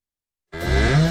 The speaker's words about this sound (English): It's Dorothy the Cow from Gateway Veterinary Services.